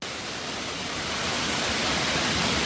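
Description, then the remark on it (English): A dense, unbroken roar of heavy storm rain and howling wind during flooding in Japan, with a tree taking a beating. Loud and steady throughout with a slight swell toward the end, and no voices. “This is nuts. It is howling. Oh, our poor tree up here is taking a beating.”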